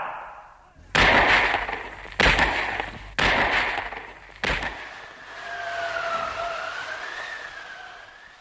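Four loud gunshots of an execution, fired at five men made to face a pit, ring out one after another, spaced roughly a second apart, each with a harsh lingering tail, followed by a steady wavering high-pitched whine over low background noise.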